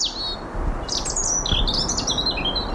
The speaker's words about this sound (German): Ein Rotkehlchen zwitschert vergnügt und im Darmstädter Westwald hat es gerade auch allen Grund zur Freude.